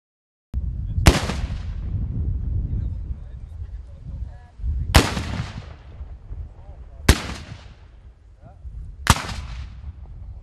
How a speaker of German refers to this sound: Das Böllerschützentreffen des Verbandes der deutschen Schwarzpulverkanoniere vom 19. bis 21. August auf der Königspfalz Tilleda war gleichzeitig Jubiläum und Premiere. Zum einen fand es zum 10. Mal statt, zum anderen zum 1. Mal an diesem Ort.